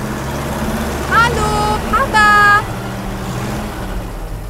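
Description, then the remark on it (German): A farmer's vehicle engine rumbles steadily and low throughout as it drives to a farm pulling a trailer loaded with two bicycles, with two brief, high harmonic calls or voices rising over the motor partway through. “Der Bauer hat noch schnell die beiden Fahrräder auf den Anhänger gelegt und alle zusammen fuhren zum Bauernhof von Lisa”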